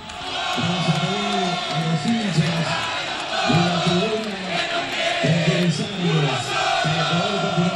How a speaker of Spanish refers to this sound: Bueno, ahí está el grito de los hinchas de San Martín. No se va a jugar el partido hasta que no... identifican a cierta parte de la hinchada y bueno, la gente canta que se lo lleven a todo, que no quede uno solo, dice.